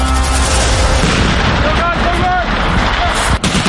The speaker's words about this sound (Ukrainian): 4 травня. Південний схід Естонії. Місцеві жителі чують вибухи та постріли. Можна подумати, Росія почала вторгнення в Балтійську країну. Та всі спокійні, бо попереджені. Наступний місяць тут проходитимуть військові навчання «Весняний шторм».